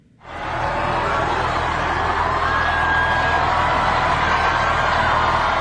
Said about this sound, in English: Large crowds gathered around Pope Leo as he made his way to Notre Dame Cathedral.